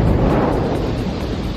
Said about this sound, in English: That's a big explosion. Officials believe lightning sparked the massive explosion in Oklahoma. The man who filmed it says it shook the whole entire Walmart. The tank held a liquid fuel used in the production of gasoline.